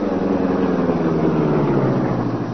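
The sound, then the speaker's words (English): A car engine runs steadily with a low, throaty rumble, fairly loud and unbroken for the whole stretch, with no voices over it, as the car is driven off toward the Donald place. “Step on it, Pedro. You get inside the car, Mr.”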